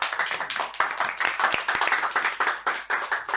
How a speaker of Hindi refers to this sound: फिर से जोरदार तालियां।